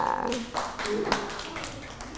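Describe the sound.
Children in class give a scattering of hand claps for a classmate, at the teacher's request, uneven and not in unison, fairly soft, with voices murmuring underneath throughout.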